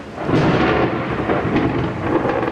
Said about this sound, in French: La pluie, c'est justement ce qui rythme l'été à Mexico. C'est assez peu connu, mais ici, il pleut en moyenne plus qu'à Londres. Néanmoins, ça finit toujours par passer,